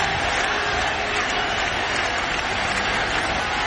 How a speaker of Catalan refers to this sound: Àlex Corretja, tot i perdre, surt ovacionat de la pista central del US Open.